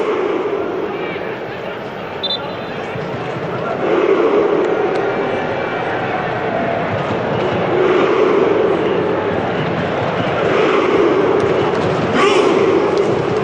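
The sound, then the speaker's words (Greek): Norwegians, the "Vikings", doing their rowing celebration at a Norway football match: a dense, steady wash of sound with a murmur of many voices and occasional dull thuds, loud throughout and swelling slightly partway through. “Εδώ βλέπουμε τους Νορβηγούς, τους Βίκινγκ, να κάνουν το κουπί τους, έτσι. Αφήνουμε τον ήχο να φτάσει στα αυτιά των ακροατών.”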